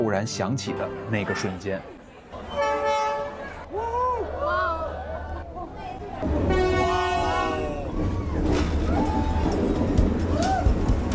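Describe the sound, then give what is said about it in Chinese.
A train rumbles past at close range on Train Street in Hanoi, Vietnam, where people cross the tracks between cafés. Its horn blares in two long, loud blasts while the heavy rolling noise swells, with excited voices from onlookers mixed in. “我决定要更近一点，感受一下火车贴脸开的刺激。”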